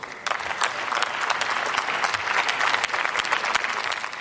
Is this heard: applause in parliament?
yes